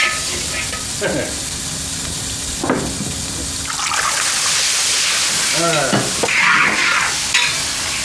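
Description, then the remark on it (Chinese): Oil sizzles and crackles steadily as food is stirred and tossed in a pan, with scraping of a utensil and brief bursts of hissing; a voice murmurs faintly at moments. “寻思着炒个菜，喝两口。”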